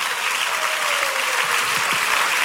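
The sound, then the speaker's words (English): A crowd applauds steadily, clapping for God, many hands clapping at once in a dense, continuous wash of noise that stays loud and even throughout, with no voices rising above it. “Oh, can somebody clap for God of Pega?”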